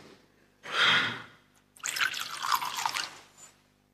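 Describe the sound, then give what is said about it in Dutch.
Water is poured into wine in a chalice during a church liturgy: a short splashing burst, then a longer trickling pour lasting over a second, fairly quiet, with no talking. “Water en wijn worden één.”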